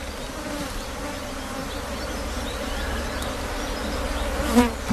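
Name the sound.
bees buzzing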